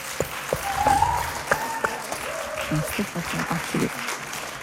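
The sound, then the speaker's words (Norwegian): A crowd claps steadily, a dense patter of many hands at moderate loudness, with a few voices calling out over the applause throughout. “Jag aldrig skulle göra en klapp så här.”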